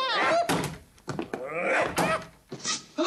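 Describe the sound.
Several heavy thuds bang against a closed door at uneven intervals, loud, as a man's head is used as a battering ram, with strained voices and grunts between the blows.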